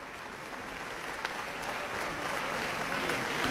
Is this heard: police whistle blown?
no